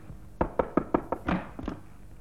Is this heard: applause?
no